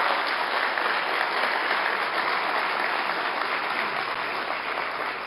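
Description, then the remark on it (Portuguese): Sustained applause from a large crowd at a solemn session, given for police chief Delegado Cabrabom: a dense, steady wash of many hands clapping at an even loudness for several seconds with no voices standing out. “Mais uma vez, uma salva de palmas para o nosso delegado Cabrabom.”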